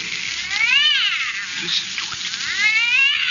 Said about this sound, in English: And I'm telling you, that cat you got in there is violating the city ordinance. Now, if you don't make it shut up, disturbing me,